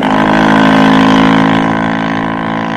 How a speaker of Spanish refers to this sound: La lancha se alejó rumbo al segundo navío.